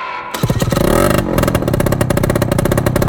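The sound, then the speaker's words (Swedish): A motorcycle engine starts up and revs loudly, rising in pitch through a throaty roar before settling into a steady, rapid idle rumble. “Ska du fixa till hojen?”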